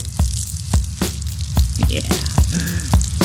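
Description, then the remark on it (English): A drink being poured out, a steady hissing splatter of liquid with soft, regularly spaced taps running through it for a few seconds, no voices. “We're pouring one out for … drummer Frank Beard.”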